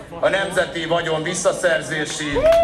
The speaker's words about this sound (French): La prison, scande la foule.